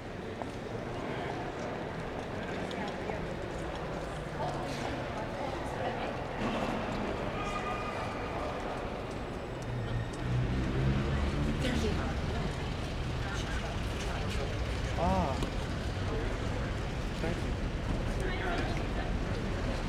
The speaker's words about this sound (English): In 1973, the group recorded the CPR train station, starting first indoors in a very reverberant environment, and then moving outdoors onto the traffic on Cordova Street.